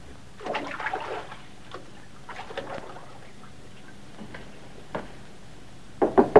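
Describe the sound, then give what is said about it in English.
A man knocks three sharp times on a bathroom door near the end, following several seconds of quiet water splashing from inside the bathroom and scattered small clicks in the background. “He swaggers over to the door and knocks on it.”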